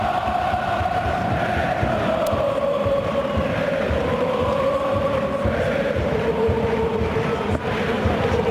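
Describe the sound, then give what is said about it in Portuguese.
A large stadium crowd at the Citroën Stadium chants and sings together in the stands during a football match against Benfica, a loud, continuous wall of voices with a droning, slowly shifting melody carried across the whole stretch. “grande ambiente, escute o ambiente no Citroën Stadium. Canto para o Benfica”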